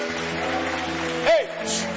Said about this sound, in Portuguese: Pode aplaudir a Jesus.